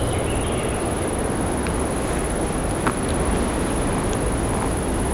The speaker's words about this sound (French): C'est la brise du vent qui passe dans la forêt. Forêt de conifères avec ses troncs dressés comme des mâts.